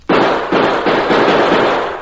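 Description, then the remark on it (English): A rapid string of about four loud gunshots fired into the bottom of a water-filled barrel to let the water run out, each a sharp, harsh crack whose noisy ring-out carries into the next, with no voices. “With a few more bullet holes in the bottom of the barrel, we'll let the water run out faster.”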